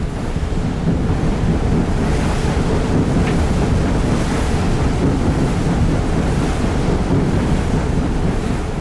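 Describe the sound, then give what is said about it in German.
Choppy white-capped waves on a lake, whipped up by the Föhn wind, slosh and churn steadily while strong gusts roar across the microphone, a loud, continuous rushing with no voices. “Der Föhn blies, schäumte den See auf und die tiefliegenden Möwen schienen sich auf den weißen Wellen zu wiegen.”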